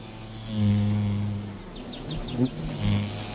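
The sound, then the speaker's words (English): A low-pitched mining bee buzz drones steadily, fades, then returns briefly, while faint rapid chirps flicker high in the background partway through. “Mining bees carry some back to their underground nests to ensure their larvae have an instant meal when they hatch.”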